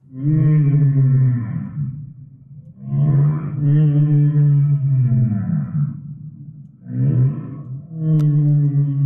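Whale calls rise and fall in long, moaning tones with rich harmonics, sounding as three loud, sustained phrases separated by short pauses. No voices are heard.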